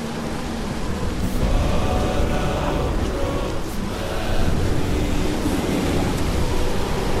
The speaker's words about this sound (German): Das ist nur der Sturm.